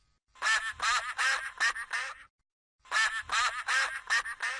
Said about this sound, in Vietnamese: Quack, quack. Chú vịt con tên là Duck.